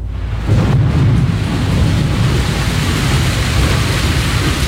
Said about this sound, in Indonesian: Hingga suatu hari, terjadi hujan badai muncul secara tiba-tiba.